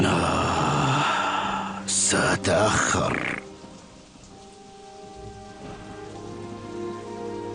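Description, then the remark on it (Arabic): Heavy rain pours down in a dense, hissing roar, swelling into a louder rushing burst partway through before settling into a softer, steady patter. No one speaks. “المطر شديد والشيخ غريب”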